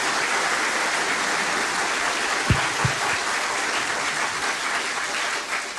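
An audience claps steadily during a church celebration, a dense, continuous wash of many hands that holds at an even loudness throughout, with a couple of brief low thumps partway through.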